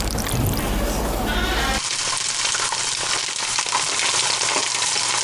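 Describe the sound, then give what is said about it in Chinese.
Loud, steady crackling sizzle of wrapped egg rolls deep-frying in hot oil until crisp and set, continuous, with a brief burst of broader noise at the start before settling into dense bright hissing. “将包好的鸡蛋卷儿放入油锅炸至酥脆定型，简单切上几刀，这道菜便大功告成了。”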